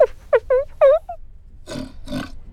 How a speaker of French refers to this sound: Tu entends? Mais c'est un grognement de cochon. Qu'est-ce que fait un cochon dans une bibliothèque?